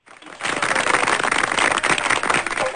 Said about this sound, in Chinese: 好，掌声也送给咱们老学员啊